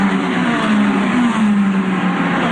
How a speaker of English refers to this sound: That's the practice lap. The cars will be hitting 200 miles per hour. It is the first ever NTT IndyCar Series race on the National Mall.